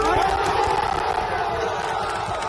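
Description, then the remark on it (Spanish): A crowd of about 1,000 Sevilla football fans in Seville cheers and chants in a loud, steady roar as the players leave the Sánchez Pizjuán to board the bus to their hotel before the next day's match, with overlapping voices shouting and a sustained wash of noise throughout. “Se han encontrado a 1,000 personas apretando, animando, ni un reproche.”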